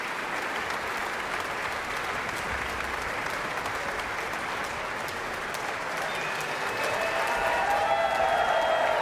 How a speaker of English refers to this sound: And that cheer was for the percussion section featured in the fourth movement of the concerto. Plenty of appreciation to go around.